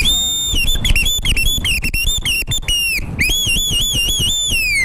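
A loud whistled melody runs for about five seconds, sliding and trilling between notes, with a brief break midway and a soft low rumble underneath.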